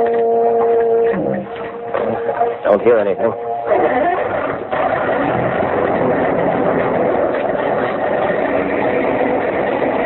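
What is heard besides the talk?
foghorn sounding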